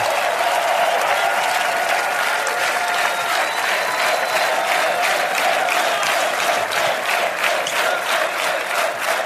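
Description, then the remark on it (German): Loud, sustained applause from a large crowd of 44,546 people, dense clapping filling the whole stretch with a few scattered cheers mixed in, steady and enthusiastic throughout. “Und begleitet werden wir vom besten Publikum, 44.546 begeisterte Menschen hier.”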